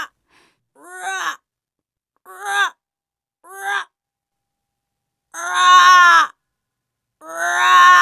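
Five hoarse, drawn-out calls of snow-white ravens among the ruins of a former castle sound alone in quiet, spaced a second or two apart, the last two louder and longer than the first three.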